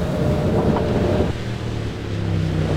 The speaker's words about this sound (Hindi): ओ, गाड़ी आ गई।